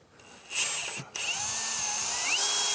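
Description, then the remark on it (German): A power drill whines steadily, cutting out for a split second before spinning back up, its pitch shifting slightly as it bites into the material. No one speaks. “Nee, bohren tut das einmal frei.”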